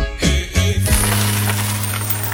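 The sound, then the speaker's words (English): Coins drop onto a hard surface with a few quick, bright clinks, then one keeps ringing and wobbling with a steady metallic hum that slowly fades. Fairly loud, with no voices. “Something we can mention? Coins.”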